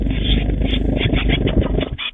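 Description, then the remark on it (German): Young tits at the WDR 4 Meisencamp, trying out their newly discovered wings during a flight lesson, flap in a rapid, continuous whirring flutter, a dense low rumbling buzz that keeps going for a couple of seconds, fairly loud, with no voices. “Die kleinen Meisen haben nämlich ganz frisch entdeckt, huch, ich habe ja Flügel.”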